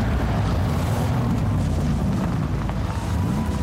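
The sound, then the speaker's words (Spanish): A powerful vehicle engine roars steadily on a rough road, with a deep, rumbling low end and a constant rough, gritty texture, as if a heavy vehicle is driving hard over uneven ground, loud throughout. “es porque pones toda la potencia para cruzar todos los caminos que necesitas.”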